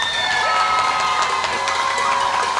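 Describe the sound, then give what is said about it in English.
A crowd cheers and shouts continuously, a dense, loud wash of voices with scattered high whistles and whoops, steady throughout with no clear speech. “Yeah, make that noise. Make some noise.”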